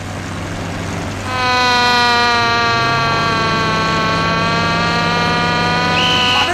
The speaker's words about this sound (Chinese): 拉警报！